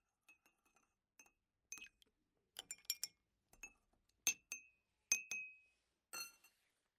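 Small tea glasses clink against each other and a tray as tea is served, in a scattered series of bright, ringing taps, some with a short high tone lingering after, with no talking.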